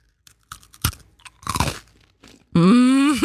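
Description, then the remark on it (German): A sharp bite into a crunchy Spekulatius spiced biscuit, then a few crackly chewing crunches, ending in a loud, sustained voiced hum of enjoyment. “Es ist ein Spekulatius-Keks.”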